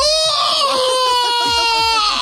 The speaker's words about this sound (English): Somebody said, I do a primal scream, which is always fun to do. Primal scream? Yeah. What? Yeah. What? Just let it out. Like a full, like...